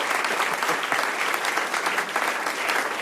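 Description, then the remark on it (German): Steady audience applause for a reading, a dense wash of many hands clapping at an even loudness throughout, with no voices standing out. “Falls ja, dann Applaus.”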